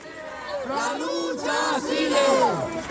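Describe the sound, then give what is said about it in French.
A large crowd of protesters marching toward the Parliament in Madrid chants in unison "The struggle continues", loud rhythmic voices rising and falling together in repeated phrases over steady crowd noise. “Voilà, vous l'entendez, il crie « La lutte continue », tous promettent à Marie-Carmen de poursuivre le combat comme elle le leur avait demandé depuis son lit d'hôpital.”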